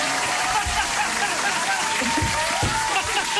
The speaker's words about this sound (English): Round of applause.